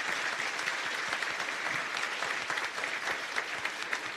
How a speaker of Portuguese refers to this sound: Está todo mundo com vida aí, né? Todo mundo vivo. Uma salva de palmas para esse povo maravilhoso, né?